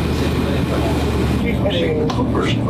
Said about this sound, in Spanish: El aire acondicionado de este lugar es un lujo.